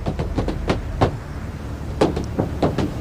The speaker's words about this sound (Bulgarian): е тропане на бутуши върху покрива на корейски автомобил.